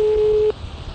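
A steady electronic telephone tone sounds for half a second as a call is placed to a landline, then cuts off abruptly, leaving faint line hiss and low background noise.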